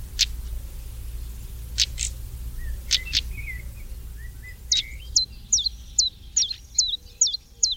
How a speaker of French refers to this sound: Ici, c'est le tarier-pâtre, le petit traquet-pâtre, comme on disait autrefois. Ce petit oiseau, le mâle est noir avec un collier blanc, il se perche souvent sur les fils téléphoniques au bord de la route.